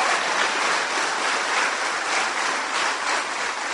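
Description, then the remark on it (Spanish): A crowd claps steadily after being asked for applause, a dense, hissy wash of many hands that holds at an even loudness for a few seconds without pause or voices. “¡Aplauso! ¡Qué bonito!”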